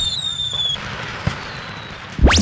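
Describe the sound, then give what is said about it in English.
Fireworks go off: whistling rockets shriek upward, a single sharp pop cracks in the middle, and a loud rising whistle bursts at the end over a low background rumble. “And the grand finale at 10 p.m. The annual July 4th fireworks display at the Gregory Airport.”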